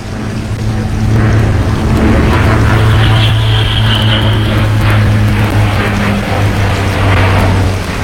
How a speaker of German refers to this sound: Boah, was für eine herrliche Maschine. Ein Original Bücker B131, wenn ich mich nicht irre. Vollkommen richtig. Allerdings, wenn meine Ohren mich nicht täuschen, mit neuem Motor. Der ursprüngliche 105 PS Hirth A2 ist auf jeden Fall nicht mehr drin.